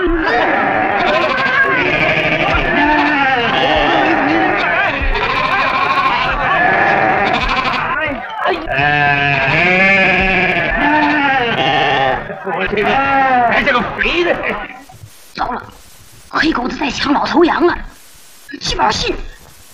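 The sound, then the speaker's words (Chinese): A herd of goats bleats loudly and continuously at close range, overlapping cries wavering and layered for most of the stretch, thinning into a few scattered bleats with brief pauses near the end. “走，山羊去，走，山羊去。”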